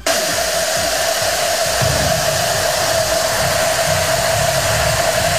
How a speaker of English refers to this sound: To me, I don't know if you can even tell it's a cowbell, but that's what almost 42,000 cowbells actually sound like all one together.